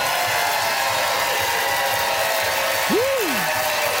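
An audience at the Gas Station Arts Center votes by applause for a debater's pro-moderation arguments, the dense clapping holding an even loudness throughout, with one short whistle that swoops up and back down near the end.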